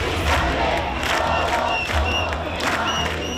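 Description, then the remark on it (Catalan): A protest crowd of about 10,000 people in Madrid, gathered in front of the controversial penthouse bought by Ayuso's government, chants and shouts together in a steady, loud roar, with rhythmic surges of voices and a few sharp whistles cutting through. “10.000 persones, segons les dades de la delegació de govern, s'han concentrat a Madrid davant del polèmic àtic comprat pel govern d'Ayuso.”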